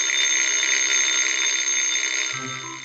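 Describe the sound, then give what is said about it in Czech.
A mechanical alarm clock rings loud at nearly dawn, a continuous shrill metallic jangle that holds steady for the whole stretch, with a lower tone creeping in just at the end. “Samozřejmě, že v tu chvíli začal zvonit ten hloupý budík.”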